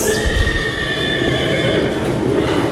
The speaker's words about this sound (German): Dann ist die Stimme von dem Pferd zu hören.